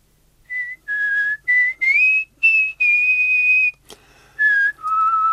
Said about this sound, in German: … pfeift auch, wenn sie durch die Hausgänge geht. Nur wenn ich am Nachmittag ausruhe, pfeift sie nicht. … kann besser pfeifen.